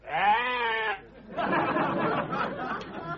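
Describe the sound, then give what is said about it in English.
A pet sheep gives a single loud, wavering bleat for about a second, then gives way to a busy wash of noisy background chatter. “Yes, Roberto got himself a pet sheep.”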